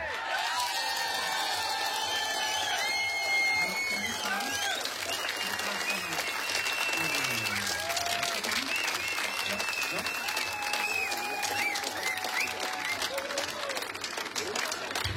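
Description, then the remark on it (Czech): A live audience applauds steadily throughout, a dense wash of clapping with scattered cheers and whoops, while voices talk and shout over the crowd noise. “Děkujeme moc, kamarádi. Byli jste fakt skvělý publikum.”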